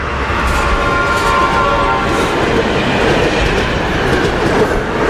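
A train rolls steadily along the rails, a loud continuous rumble with faint rhythmic clatter and a thin metallic whine running through it, with no voices.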